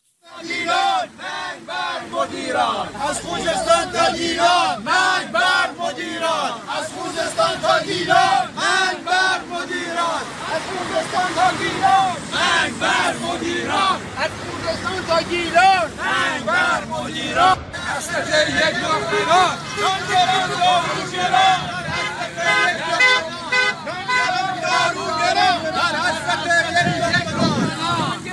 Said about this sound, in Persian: معترضان در شعارهای خود به دریافت حقوق به ریال و پرداخت هزینه ها به دلار و همچنین کاهش شدید قدرت خرید خود اعتراض کردند.